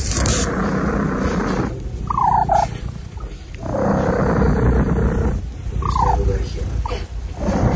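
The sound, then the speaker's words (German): A cat purrs loudly in steady rumbling waves, broken twice by short, high-pitched squeaky chirps. “Katze Everest, die schnurrt wie ein Weltmeister und quietscht dabei”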